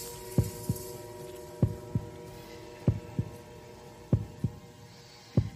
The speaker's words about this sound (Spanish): Latidos del murciélago en directo.